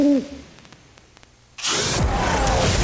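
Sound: owl hooting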